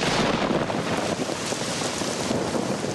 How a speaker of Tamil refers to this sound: ஆஹா, இந்த மழையால என் பயிர் பாதிச்சிருச்சே, இப்ப என்ன செய்யறது?